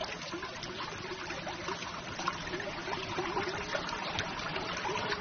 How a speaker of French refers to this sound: Oh, c'est un petit ruisseau, hein.